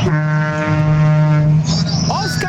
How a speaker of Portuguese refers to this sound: Os caminhoneiros buzinando aí, ó.